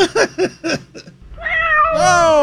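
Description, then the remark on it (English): A stuffed toy cat gives a quick run of short chirping sounds, then a long, drawn-out meow that swells louder toward the end, clear with no talking. “Give me that stuffed cat.”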